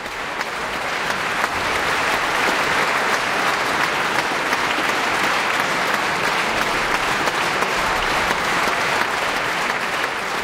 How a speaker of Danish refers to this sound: Ja, der bliver jublet her fra publikum i Filharmonien i Warszawa. Det kan jeg godt forstå.